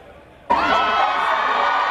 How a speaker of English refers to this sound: Chants echoing of Ciao Kate as the princess starts her comeback tour in northern Italy. Her first official overseas trip since undergoing cancer treatment. Thousands cramming into the piazza at Reggio Emilia to welcome her.